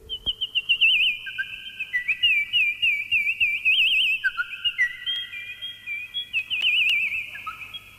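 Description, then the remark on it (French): An instrument mimics small birds with high, warbling whistled tones that trill and slide in pitch almost continuously, fairly loud, with no talking. “L'instrument est capable d'imiter, entre autres, les petits oiseaux.”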